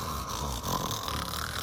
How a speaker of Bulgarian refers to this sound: Върху каменното легло лежал старец, безсмъртният дух на бялата земя. Спял старецът и хъркал, да чак небето цепи.